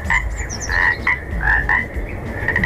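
A toad croaks repeatedly in a steady, pulsing rhythm, each raspy call fairly loud, over a low rumbling background with no voices.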